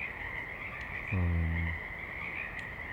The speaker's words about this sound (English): Mainly frogs, I think some birds, and they're recording, no planes otherwise.